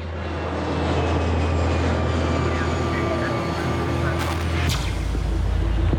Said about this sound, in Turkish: Landwetter'e İstanbul'dan gelen bir uçak iniş yaptı.